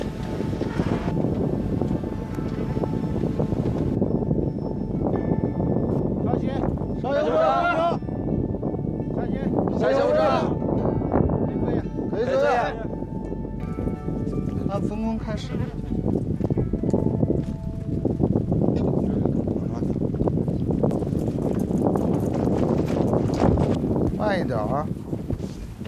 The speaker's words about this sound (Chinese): 打开桥梁安全通道门，逐级登上百步阶梯，随着高度的上升，耳边只剩呼啸的风声和队员们急促的喘息声。